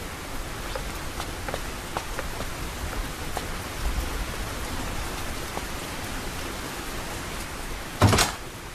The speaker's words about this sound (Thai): ข้างนอกฝนตกหนักมาก